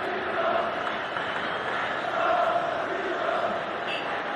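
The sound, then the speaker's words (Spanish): A large stadium crowd at a football match applauds Fabián Ruiz as he is substituted off for Pedri around the 55th minute. A steady, dense wash of clapping and cheering holds at an even level throughout, swelling slightly midway, with no clear voices on top. “Le aplaude la gente a Fabián Ruiz.”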